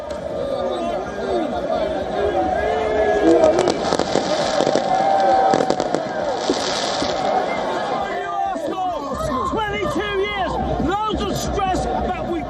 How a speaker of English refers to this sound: Fans celebrated by lighting flares and fireworks while chanting club songs. Many people were also seen waving scarves and flags as car horns blared across the streets, with celebrations continuing late into the night.